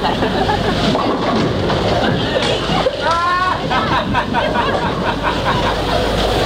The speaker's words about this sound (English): 3 a.m., an all-night bowling alley near London Airport, and a queue of people waiting their turn to play. People making a night of it after a party. People waiting for planes, regulars, passers-by.